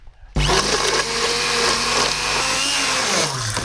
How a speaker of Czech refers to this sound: No a na závěr tu omáčku potom propasírujeme nebo rozmixujeme ponorným mixérem. Já bych ji teď rozbil.